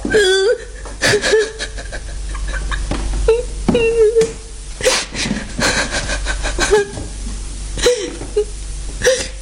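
Someone cries with wavering, sobbing whimpers and wet sniffles in uneven bursts, fairly loud, with a few broken vocal moans between sharp breathy sniffs.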